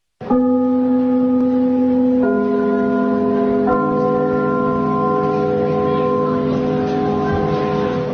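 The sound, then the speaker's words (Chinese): A theatre's opening bell chime rings out loudly on its own, its resonant tones sustaining and layering as new notes strike about every one and a half seconds, humming steadily to the end. “听我们开幕的那个钟声，听着这都已经感情了。”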